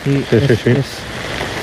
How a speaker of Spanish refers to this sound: No, lo escucho de fondo, mira. Eso es lluvia, ¿no? Lo que escucho de fondo.